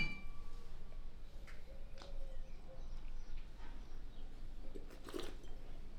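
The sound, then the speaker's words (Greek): A brief glassy clink rings out near the end against a low background hum: wine glasses touching in a toast over a Blanc de Blanc 100% Chardonnay, Vintage 17. A few faint taps come earlier. “Στην υγειά μας.”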